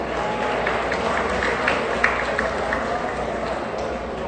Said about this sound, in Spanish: Un caluroso aplauso.